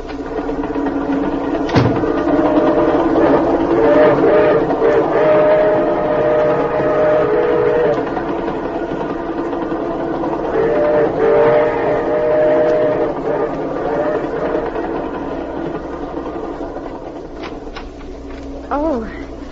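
A passenger train runs with a steady, dense rumble and clatter throughout, while two long, sustained tonal wails rise over the noise midway, each lasting a few seconds.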